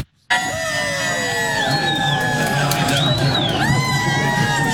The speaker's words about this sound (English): In Port Williams, Nova Scotia, fans gathered to cheer on their hometown hero, Team Canada winger Jacob Schaffelberg, while thousands decked out in red and white descended on LeBreton Flats in Ottawa to catch the action on four giant screens.